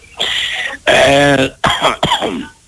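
A man coughs four times in quick succession, loud and close, each cough harsh and raspy with a throaty, voiced edge, and no speech around them.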